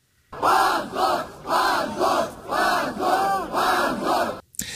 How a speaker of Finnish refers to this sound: Oikeustalon ulkopuolelle kokoontui satakunta nuorten Jablakan kannattajaa, jotka huusivat hävetkää huutoja oikeuden päätöksen antamisen jälkeen.